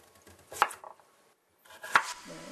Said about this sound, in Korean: 칼질을 해보시겠어요? 제가 자세를 한번 봐드릴게요.